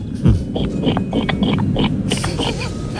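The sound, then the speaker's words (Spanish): A person imitates a pig with a string of short, throaty grunts and snorts repeated over a few seconds, with faint background noise. “Bueno, pues yo sé imitar a la gallina y al cerdo. Ah, muy pues bien. Empecemos por el cerdo, ¿por qué no?”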